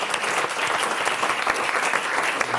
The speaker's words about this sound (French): on peut applaudir